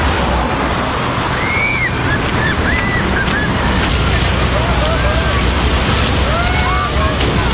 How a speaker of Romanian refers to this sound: Între timp, în Ungaria, autoritățile folosesc tunuri cu apă pentru a-i răcori pe oameni.